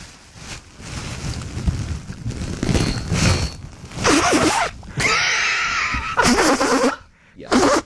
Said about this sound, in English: Number three on the list of the top six ASMR sounds that got me banned from my YouTube account, ASMR YouTube account, I was blowing my nose.